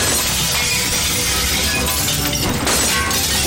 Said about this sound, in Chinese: 把玻璃砸了！